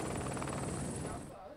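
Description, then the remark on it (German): A helicopter arrives at a glacier, its rotor thumping in a steady, rapid pulse, loud, with a whining turbine tone above it, the noise easing slightly toward the end. “Ein bisschen erleichtert bin ich, als der Hubschrauber dann auch wirklich kommt.”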